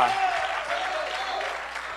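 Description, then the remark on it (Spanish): A church audience applauds the Lord together in a dense, steady wash of clapping that stays loud and even for the full two seconds, with no voices breaking through. “Puede darle un fuerte aplauso al Señor.”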